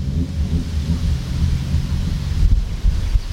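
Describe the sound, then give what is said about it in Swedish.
Folkrace cars race at the motor week in Lycksele, roaring past in a loud, continuous low rumble of several engines, a deep growling wash with a few surging bursts near the end and no voices. “Jag, Ingrid Lindgren, är på plats för att kolla in en av dagens aktiviteter, folkracet.”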